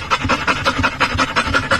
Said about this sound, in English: We're waiting for the dog. I forget. This is, for those of you who are not watching on YouTube, it's a literal train with a dog's face on it. So imagine that a dog is panting